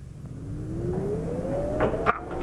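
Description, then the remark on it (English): The Salvation Army's printing press for the War Cry paper is started up again, its motor whine climbing steadily in pitch over a heavy mechanical rumble, with a sharp clank near the end. No one speaks. “Start her up again, Bramwell.”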